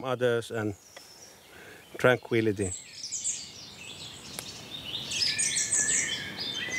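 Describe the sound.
Birds chirp and twitter outdoors in nature, a busy high-pitched chorus that grows louder after a brief human voice at the start, with faint background ambience throughout.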